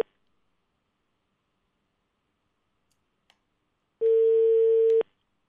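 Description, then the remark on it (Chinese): Near silence, then a faint click and a single steady telephone tone lasting about a second, like a ringback or dial signal, as a call is placed to the property management office of the Jiazhaoye Yunding Meixihu residential complex. No one speaks. “我们先来打一下啊，稍等啊，拨打佳兆业云顶梅溪湖小区的物业电话。”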